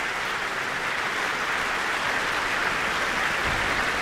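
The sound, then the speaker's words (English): Steady, dense applause from a large concert audience for conductor Jaime Martin after an orchestral piece, a continuous wash of many hands clapping at an even, sustained level with no voices standing out. “And that applause is for conductor Jaime Martin.”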